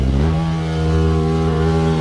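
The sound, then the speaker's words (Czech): An Asian hornet buzzes loudly and continuously, a low, rich droning hum with a slight rise in pitch early on, sounding almost like a small engine. No one speaks. “No jasně, a sršeň, ale jak to zní prostě, o mě děsí už ten jejich zvuk, jo.”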